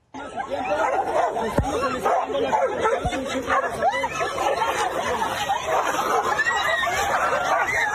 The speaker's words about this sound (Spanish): Lo que debería haber sido un tranquilo recorrido de la presidenta Claudia Sheinbaum en Acapulco terminó con una batalla entre dos perros callejeros, obligando a varios asistentes a alejarse para evitar quedar atrapados en la riña.